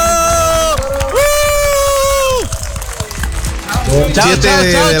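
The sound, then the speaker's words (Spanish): A crowd cheers and applauds for God, loudly, with sustained whoops and shouted voices rising over a steady wash of clapping that continues throughout. “¡Un aplauso para Dios! ¡Apláudelo!”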